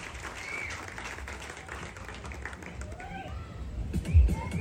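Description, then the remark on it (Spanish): An audience at a Miss Turismo La Unión event claps steadily throughout, a dense wash of applause, while a voice starts speaking over it toward the end as a few louder thumps cut through. “y que se escuchen esos aplausos para esa excelente directora regional que tiene Miss Turismo La Unión.”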